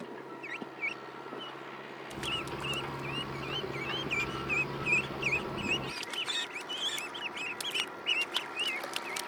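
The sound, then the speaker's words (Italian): Young ducklings peep constantly in high, thin chirps that overlap and repeat throughout as they search for food in a rice paddy being flooded, over a steady outdoor background hum with no one speaking. “Le giovani anatre non hanno bisogno di esempio o insegnanti per mettersi subito a cercare il cibo nella risaia in via di allagamento.”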